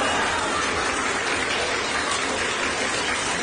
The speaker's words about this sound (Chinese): 多谢啊，预备，连乐带鼓掌。